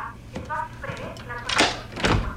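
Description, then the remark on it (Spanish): A key scrapes and jiggles against a house door lock without going in because the locks were changed, two short rattling bursts, with a voice murmuring briefly underneath. “Mi llave no entra.”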